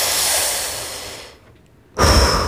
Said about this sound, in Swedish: Jag ska passa bra här att rulla några varv på sin kolttändare. Tända en cigarett så man ska kunna höra det här prasslet från pappret och sen ett sådant här...